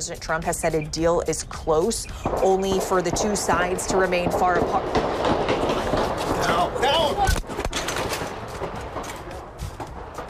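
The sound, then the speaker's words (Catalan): Gunshots fired at a checkpoint ring out in a rapid string of sharp cracks, with another loud report a few seconds later, while an ABC network journalist reporting live keeps talking hurriedly over the noisy, tense scene. “Els trets van agafar tothom per sorpresa, com aquesta periodista de la cadena ABC, que estava en directe explicant el possible acord entre els Estats Units i l'Iran.”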